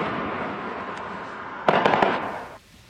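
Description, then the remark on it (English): Fireworks crackle continuously with a rapid cluster of sharp bangs near the end, over a broad hissing wash, then the noise drops away abruptly. “The city is eyeing stiffer penalties and fines for illegal fireworks after an increase in pyrotechnic complaints over the last few years.”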